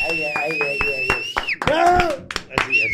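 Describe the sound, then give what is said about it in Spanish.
Scattered, fairly loud hand claps ring out at an uneven pace while voices shout and cheer over them as an audience is urged to applaud louder, and a person's steady high-pitched whistle carries through the first half. “Fuerte aplauso”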